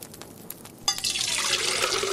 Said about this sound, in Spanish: El joven llenó la olla con abundante cantidad de agua y la puso sobre el fuego.